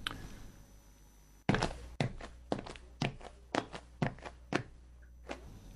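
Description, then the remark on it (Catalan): After a quiet, humming room, a sudden thump as someone rises from a seat, then a steady series of footsteps walking across a hard floor toward a woman, about a dozen in all. “fas una pausa llarga i de cop i volta t'aixeques, t'acostes a la dona misteriosa amb tota la prudència del món, i li dius el que li dius.”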